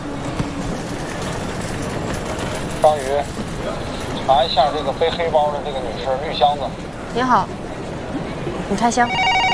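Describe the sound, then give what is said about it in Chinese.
A telephone rings briefly near the end, cutting through a busy, echoing space full of murmuring voices and scattered chatter, where travellers' luggage is being opened and checked. “接一下电话。”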